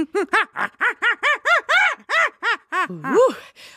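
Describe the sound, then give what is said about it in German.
A voice imitates a baboon's scream with a rapid series of about a dozen rising-falling, hooting cries in a steady rhythm, ending on a higher swooping wail, delivered at a restrained volume. “That was my Schrei des Pavian.”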